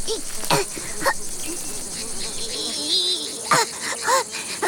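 A steady, shrill insect drone like cicadas chirping fills the scene, with a few brief louder bursts and faint lower warbling sounds underneath.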